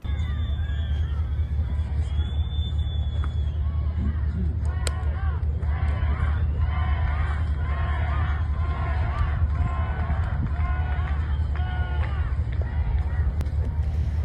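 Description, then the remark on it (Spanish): A large crowd outdoors in Cádiz boos and chants "fuera" in rhythmic bursts at the arrival of Interior Minister Fernando Grande-Marlaska for the Virgen del Pilar festivity of the Guardia Civil. A repeated chant rises over steady hubbub and a low rumbling background, with scattered jeers throughout. “El ministro del Interior, Fernando Grande Marlaska, ha sido recibido con abucheos y gritos de fuera a fuera a su llegada a Cádiz para presidir el acto central de la festividad de la Virgen del Pilar, patrona de la Guardia Civil.”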